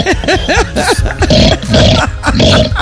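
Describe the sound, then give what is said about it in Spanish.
A person imitates a pig: a quick series of short, arching squeals and grunts, then longer harsh, raspy snorting grunts, loud and steady for a few seconds with no talking. “Qué bien te sale el cerdo.”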